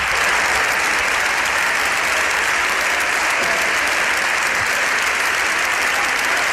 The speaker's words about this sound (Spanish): Estos aplausos son los aplausos de los diputados del Partido Popular, que apoyan a Ana Belén Vázquez, que la animan, que se indignan con esta decisión de Francina Armengol y que incluso llegan a ponerse de pie, ovacionando y vitoreando a la diputada